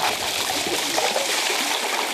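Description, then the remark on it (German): Crushed ice poured into cold water in a mobile ice-water tub used to cool heatstroke patients, a steady rushing, trickling pour with small splashes and gurgles, fairly loud for about two seconds, with no voices. “Gecrashtes Eis in kaltes Wasser.”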